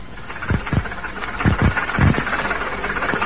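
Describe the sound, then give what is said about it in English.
A bus engine idles with a steady, low rumble under a broad hiss, punctuated by a few deeper throbbing pulses. No one speaks. “We'll sit here at the front of the bus.”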